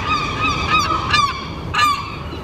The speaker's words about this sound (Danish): Ja, tid til skrigende, hakkende og klattende måger, der sidder på lur for at guffe madrester fra diverse restaurantborde.